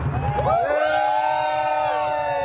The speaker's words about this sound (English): Excellent speech. I had to get the crowd noise in there.